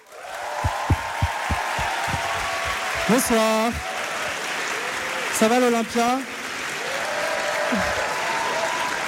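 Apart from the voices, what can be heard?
audience applause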